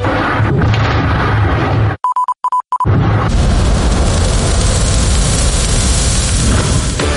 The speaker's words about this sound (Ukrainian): Детонували, швидше за все, боєприпаси, що зберігалися на складах місцевого військового аеродрому. Вночі туди навідалися українські дрони. І палало так, що пожежі було видно аж із космосу.